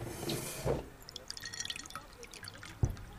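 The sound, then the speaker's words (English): Lime water being poured into a glass: a brief rushing splash at first, then scattered light drips and trickles, ending with one sharper drop. No voices. “Look, this is lime water.”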